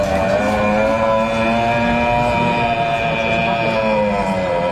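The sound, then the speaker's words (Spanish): A hunter imitates a red deer stag's roar at the German National Deer Roaring Championship at the Hat and Hound fair in Dortmund: one long, loud, buzzing groan held steady for nearly five seconds, rich in harmonics, over a rumbling background noise. “El Campeonato Nacional Alemán de Berrea de Ciervo se celebró el pasado viernes en la feria Hat and Hound de Dortmund, donde los cazadores compitieron por el codiciado título imitando el sonido de la berrea de un ciervo.”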